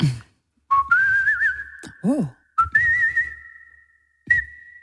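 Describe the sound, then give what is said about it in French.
Someone whistles the melody of a French song, holding long steady notes with slight wavering, in two phrases separated by short pauses. A brief voice cuts in between them. “Tout simplement en sifflant.”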